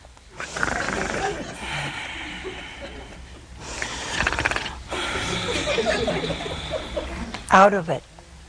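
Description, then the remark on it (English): A man's voice imitates loud snoring, as Adam falling sound asleep in a telling of the biblical creation of woman: long, rasping, noisy breaths in a slow rhythm, finishing with a sharp, high, wavering snort-like squeal. “And he was snoring.”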